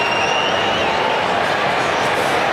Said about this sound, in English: All clear. Goal to Fremantle. Margin back to 28. Crowd not happy.